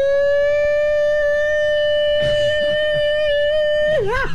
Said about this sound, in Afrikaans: Ja, man, het luchtalarm wordt afgeschaft, hoor.